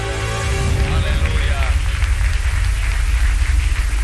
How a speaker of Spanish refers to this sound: Entonces reconoció Manasés que Jehová era Dios. Le dan palmas a Dios.